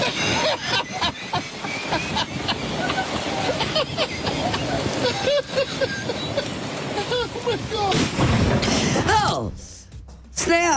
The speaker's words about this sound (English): So as you heard, the guy's kind of cackling there. Because he's videotaping his friends. Got his phone out and he's watching his friends recording their attempt to get a stuck golf cart moving again. And then bam, the dude gets struck by lightning.